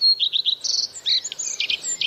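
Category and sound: bird, bird song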